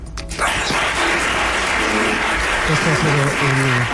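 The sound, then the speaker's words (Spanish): A large crowd in Málaga bursts into loud, sustained applause honouring Pérez de Siles, a dense wall of clapping that starts abruptly and holds steady, lasting some four to five minutes, with a few voices calling out faintly beneath it. “Aplauso más intenso, ha durado prácticamente 4 o 5 minutos de extensión.”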